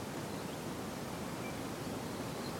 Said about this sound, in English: Windy. Like he's having a go at me.